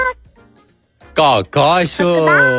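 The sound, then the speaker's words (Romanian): During an animal-imitation game, after a quiet opening, a human voice imitates a clucking hen with three loud, tonal bursts whose pitch bends up and down, the last one drawn out. “Deci cum făceai? Cot-cot. Da, găina.”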